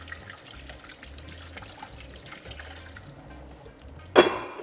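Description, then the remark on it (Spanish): Cold tap water runs steadily at moderate volume, a soft continuous splashing and trickling over cooked tallarines pasta in a sink to stop the cooking, ending in a brief louder splash near the end. “De verdad, mañana estos tallarines, que ahora vamos a hacer lo siguiente, los vamos a pasar por agua fría un poquito de agua fría para parar la cocción.”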